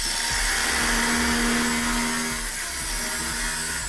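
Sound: construction site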